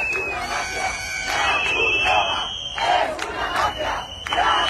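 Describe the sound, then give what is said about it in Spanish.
A crowd shouts and chants together in loud, repeated bursts, with rising cries over a constant roar of people: a small group trying to block Red Cross trucks carrying water and food for immigrants, shouting "The Red Cross is a mafia". “Un grupúsculo ha intentado bloquear el paso a camiones de la Cruz Roja que transportaban agua y comida para los inmigrantes al grito de «La Cruz Roja es una mafia».”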